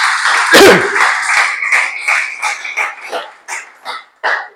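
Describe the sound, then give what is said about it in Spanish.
Church audience applause given to the Lord during a sermon, a dense burst of clapping that gradually thins out into a few scattered, separate claps before stopping, with a brief loud cry near the start. “Dale ese aplauso al Señor, que estáis muy servidos.”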